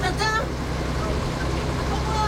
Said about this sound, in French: Attention, un camion. Eh bien, quel saut périlleux. Mais où ce camion va-t-il m'emmener maintenant?